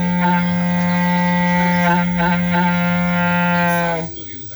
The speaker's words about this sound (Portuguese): e aí mandou foto aqui, mandou vídeo, eu vou ver o vídeo. Ah, tocando berrante.